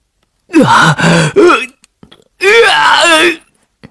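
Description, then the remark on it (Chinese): A loud voice lets out three short strained groans, then a longer wavering, anguished, heart-rending wail coming from a room. It sounds like a person imitating the cry. “就在他思索的时候，某间房里传来一阵撕心裂肺的哀嚎。”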